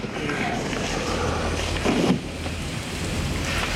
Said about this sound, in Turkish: Şu an bardaktan boşanırcasına yağmur yağıyor. Neyse ki buraya hiç yağmur gelmiyor. Sadece arada sırada damlayan bir iki damla var.